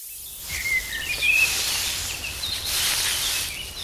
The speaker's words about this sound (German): Mein Lieblingsgeräusch ist, wenn ich draußen bin und es im Gebüsch raschelt und ganz viele Vögel zwitschern. Das finde ich echt schön, denn Vögel zwitschern so schön und es ist dann irgendwie auch ein bisschen geheimnisvoll, wenn es auch noch so